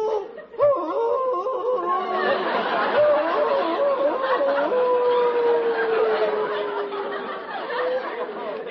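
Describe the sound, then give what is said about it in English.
A man's voice imitates a wolf, giving a long wavering howl that slides slowly downward in pitch, loud, with a murmur of other voices underneath. He is on his knees at the edge of a rock, calling out to Gitchy Gomi from an Indian legend. “He's crazy, howling like a wolf.”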